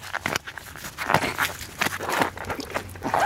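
Wet shoes being pulled off, with irregular bursts of squelching, scuffing and crinkling, some sharper than others, moderately loud with no one talking.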